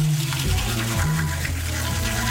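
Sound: shower water running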